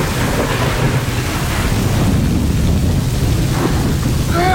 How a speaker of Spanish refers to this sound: Caía un torrencial aguacero con tormenta, con rayos y centellas.